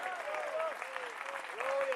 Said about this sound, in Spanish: ¿Cuántos alaban al Señor en esta hora? Fuerte ese aplauso si es para él.